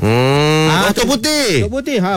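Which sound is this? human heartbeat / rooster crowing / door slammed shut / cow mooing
cow mooing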